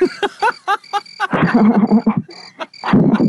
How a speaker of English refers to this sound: We played the crickets for you, bro.